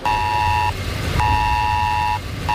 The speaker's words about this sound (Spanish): Sí, alerta por tormentas severas e inundaciones en la zona de Nueva York, en Nueva Jersey, con un mensaje que nos ha llegado a todos los móviles similar al del Esaler de España que tenemos en nuestro país y que ha sonado así.